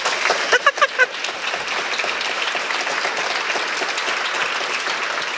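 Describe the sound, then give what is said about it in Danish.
A seated audience in a hall applauding as an event gets under way, dense steady clapping throughout with a few sharper whoops or claps near the start, loud, no speech over it. “Der vil jeg da lige sniløbe der med en fed klapsalve, tak skal I have, som sidder her og hygger sig rigtig godt.”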